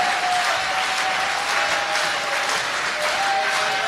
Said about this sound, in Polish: Duże brawa.